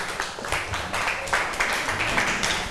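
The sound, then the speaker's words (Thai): Students in a class clap together for classmates after a group presentation, a steady, dense burst of applause that stays fairly even in loudness for a few seconds, with no voices standing out. “ค่ะก็กลุ่ม5ผ่านไปค่ะขอบคุณทั้งกลุ่ม2และกลุ่ม5ค่ะเชิญค่ะปรบมือให้เพื่อนหน่อย”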